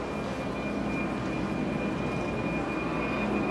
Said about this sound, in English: And once again, another jet flying over.